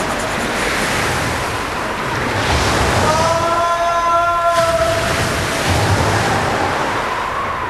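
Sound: stormy sea waves crashing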